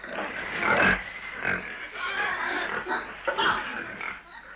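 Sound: pigs grunting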